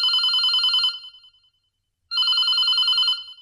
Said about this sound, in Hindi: एक और phone call आ रही है